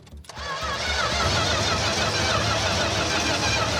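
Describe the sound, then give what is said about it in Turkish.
A car engine, whose fuel pump had not been delivering fuel, is started with the throttle pressed after carbon buildup was cleaned; it cranks briefly, then catches and settles into a loud, steady rumbling run with a broad, noisy roar that holds to the end. No one speaks. “Eğer araba çalışırsa bu işleri tamamen değiştirir.”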